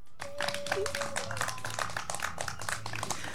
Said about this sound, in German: Ein kleiner Applaus für dich.